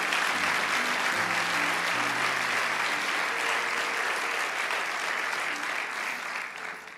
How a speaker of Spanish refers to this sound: Vamos, dale ese aplauso. ¿Cuántos lo están?